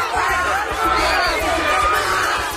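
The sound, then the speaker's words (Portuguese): A crowd of about 50 fans cheers and shouts continuously in a last farewell to the Brazilian national football team before it leaves for the World Cup in the United States, a dense wall of voices and whoops swelling in the middle, with indistinct chatter mixed throughout. “E antes de cruzar o continente rumo aos Estados Unidos, a seleção brasileira recebeu um último adeus da torcida.”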